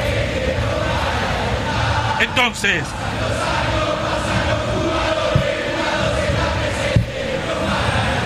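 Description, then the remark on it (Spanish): A dense, steady roar of Boca supporters in a football stadium during a match against O'Higgins fills the whole stretch, voices blending into continuous chanting and cheering, with a brief swell and a few sharp accents cutting through the mass. “El público que alienta, el público que grita.”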